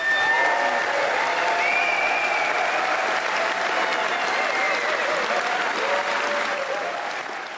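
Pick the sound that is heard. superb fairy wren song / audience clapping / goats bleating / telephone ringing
audience clapping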